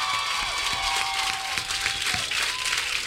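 A crowd applauds and cheers loudly and continuously, with dense clapping mixed with whoops and high shouts that rise and fall throughout.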